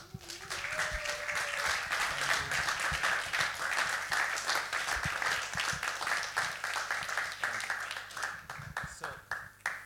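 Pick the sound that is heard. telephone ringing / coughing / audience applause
audience applause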